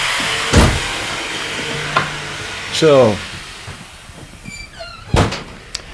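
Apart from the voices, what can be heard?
sawing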